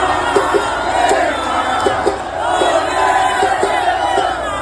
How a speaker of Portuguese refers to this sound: Ele teve até que ser interrompido, né, por conta desse barulho aí da plateia. Aliás, que evento, um mega evento fizeram ontem ali no Museu da Manhã. Ficou lotado.